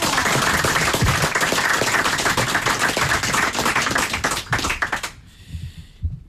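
A crowd applauds loudly, dense overlapping clapping sustained for about five seconds, then dying away abruptly into a few scattered claps and near silence.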